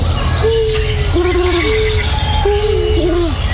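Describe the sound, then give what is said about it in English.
A dove, which sticks its chest out as it coos, coos in a short series of low, hollow, slightly wavering notes, repeating in an uneven rhythm over a steady background rumble, with no one talking. “That's a dove. Oh, okay, because... And it sticks its chest out when it's cooing like that.”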